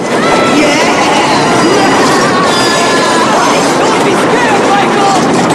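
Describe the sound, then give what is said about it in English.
A train rattles across a bridge, shaking the whole bridge, with a loud, continuous clattering rumble, metallic rattling and faint squealing tones running steadily throughout. “the train rattles and shakes the whole bridge.”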